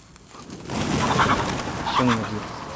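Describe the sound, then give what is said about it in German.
Startled chickens squawk and cluck in agitated bursts over a steady rustling noise, with a sharper, higher call rising near the end, as they take fright and run off from their enclosure. “Kommt mal schnell, wir müssen die Hühner wieder einfangen.”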